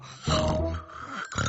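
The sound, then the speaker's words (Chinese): A father snores loudly at night, a long rasping, rumbling snore followed by the start of another after a brief pause, with no talking. “小头爸爸，求求你别再打呼噜了。”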